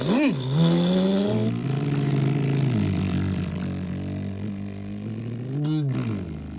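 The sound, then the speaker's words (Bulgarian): A car engine revs up sharply, then settles into a steady, loud drone as it pulls away, with one more quick rev near the end. “Скачай при мен в колата. Нямаме време да слушаме оправдания и песни. Ето, тръгваме.”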